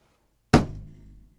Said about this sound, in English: That was the affirmative. Me slamming my hand down. That's how you know I mean business.